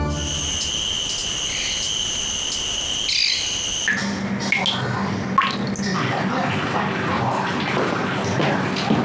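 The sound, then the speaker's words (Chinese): Water trickles and drips steadily from a household tap, with small splashy taps scattered through a constant wash. High, insect-like chirping rings out before the water takes over. No one speaks. “老太太，你们家水龙头坏了。”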